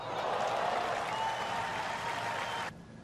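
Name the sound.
tennis crowd applauding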